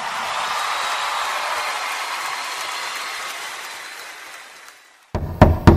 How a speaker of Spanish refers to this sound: ¿Quién estará tocando a mi puerta? A esta hora nadie despierto está.